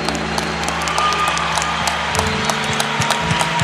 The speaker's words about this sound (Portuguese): E uma salva de palmas, Fraternidade São João Paulo II, Filhos de João Batista, Comunidade Canção Nova.